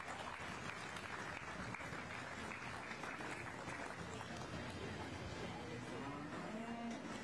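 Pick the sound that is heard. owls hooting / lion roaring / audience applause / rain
audience applause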